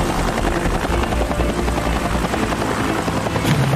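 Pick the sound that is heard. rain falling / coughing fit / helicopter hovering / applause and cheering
helicopter hovering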